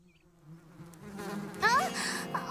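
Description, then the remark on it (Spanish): Bees buzzing inside a found hive they still live in: a low, steady droning hum that starts faint and swells louder over a couple of seconds, with brief higher-pitched whirring flickers near the end. No one speaks. “Porque las abejas pican si las molestas.”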